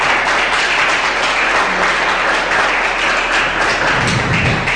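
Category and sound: crowd, audience applauding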